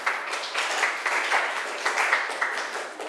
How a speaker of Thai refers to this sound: ปรบมือให้เพื่อนหน่อยลูก